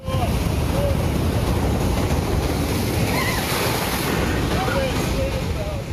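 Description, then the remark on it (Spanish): Heavy surf roars steadily in Long Beach, southern California, waves of 5 to 8 feet, some up to 12, crashing against the boardwalk seawall in a dense, unbroken wash of churning water and wind, with no pause. The swell comes from storms tied to Tropical Storm Marie, on a third straight day. “Sobre todo en Long Beach, pues las olas siguen golpeando la costa por tercer día consecutivo. Rompen contra el muro del malecón y algunas alcanzan entre 5 y 8 pies con ráfagas de hasta 12 pies.”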